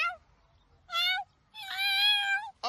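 A house cat meows, a short cry followed by a longer, drawn-out wavering meow, with brief fragments of calls at the start and end. No one speaks.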